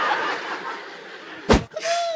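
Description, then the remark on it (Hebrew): A single loud, sharp door slam cuts through a busy background of murmuring and laughter, followed by a brief high ringing tone as the noise carries on. “דלת, דלת!”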